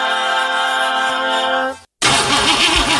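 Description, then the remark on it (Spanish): A car engine cranks with a steady mechanical whine, cuts out briefly, then grinds and sputters loudly in a rhythmic churn without settling into a running idle. No one speaks. “¿Se te rompió el auto?”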